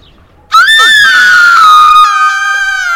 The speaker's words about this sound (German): Der Schrei meiner Schwester riss mich aus dem Schlaf.